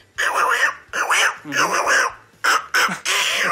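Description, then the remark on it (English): A person imitates the cartoon duck Little Quacker, making a rapid run of loud, nasal, garbled quacking bursts, about half a dozen squawky phrases with short breaks between them. “That's Little Quacker.”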